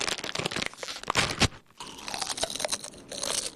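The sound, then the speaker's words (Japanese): Crunchy snack being eaten: a run of sharp, crackling bites and chews, loud and dense at first, a brief pause, then steadier crunching continuing to the end with no talking. “おやつにしましょう。”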